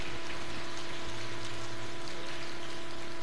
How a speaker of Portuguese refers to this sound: E gostaria de pedir à comunidade que saudasse os catequistas com uma salva de palmas neste momento.